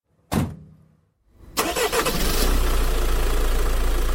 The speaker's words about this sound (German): Damit war er auch schon fort. Als der Motor des Jeeps in der Ferne verklungen war